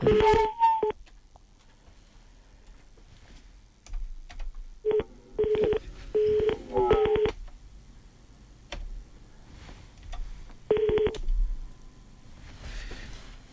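A series of telephone keypad beeps, dual-tone presses coming in short irregular clusters with quiet gaps between, clear, with no talking.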